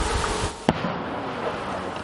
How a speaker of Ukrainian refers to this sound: Час від часу звук дронів над позиціями глушить потужна канонада і наших, і ворожих гармат.